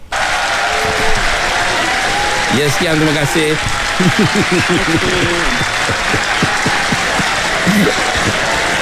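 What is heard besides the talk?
audience applause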